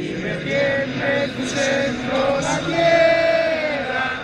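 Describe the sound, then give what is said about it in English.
A large crowd of Mexico soccer fans at a World Cup watch party in Seattle, before a giant TV screen showing Mexico play South Africa, sings Mexico's national anthem together, many voices blending into loud, sustained melodic notes that rise and hold steadily, with no one speaking over it. “Thousands of miles away from the game in Mexico City, a crowd here in Seattle is singing Mexico's national anthem.”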